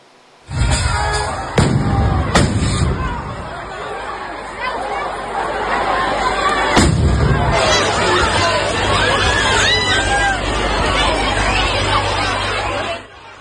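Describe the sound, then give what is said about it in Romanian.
A dense, agitated crowd clamors in panic with overlapping shouts and voices while several sharp bangs from a fireworks display burst, the loudest early on and another midway, the chaotic din continuing throughout. It happens at a town's festival day in a small town in northern Spain. “Momente de panică într-un orășel din nordul Spaniei după ce spectacolul de artificii organizat de ziua localității a fost la un pas să se transforme într-o tragedie.”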